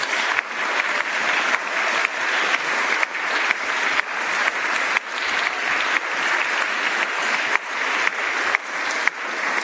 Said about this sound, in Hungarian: Köszönjük szépen nekik, és hát köszönjük szépen a nagymarosiaknak, hogy befogadtak bennünket. Ők is egy nagy tapsot megérdemelnek.